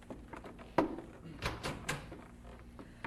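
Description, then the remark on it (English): A handful of soft, uneven thuds and scuffs of a young man's footsteps outside a cabin door late at night as he returns home, fairly quiet, with a faint hollow knock among them and no talking. “His mother and father were still waiting up for him when they heard his footsteps outside the cabin door.”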